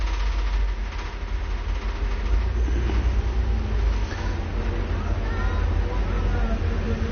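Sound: street traffic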